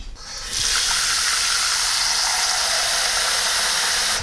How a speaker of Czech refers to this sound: Čili já dám teďko do hrnce trochu vody.